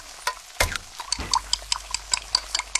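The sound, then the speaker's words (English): A quiet kitchen with a clock ticking steadily, regular sharp clicks about every quarter second, plus a couple of soft clatters early on and faint background hiss. “Can you tell if the surfaces in this kitchen are crawling with bacteria that could cause chronic arthritis?”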